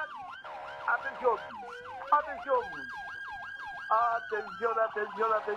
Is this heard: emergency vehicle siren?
yes